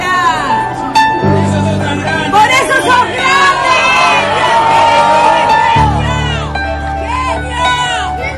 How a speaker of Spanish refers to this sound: la sonrisa de un nene al poder sacarse una foto con Lionel Scaloni y el grito de la señora de fondo. Escuchan lo que ocurrió.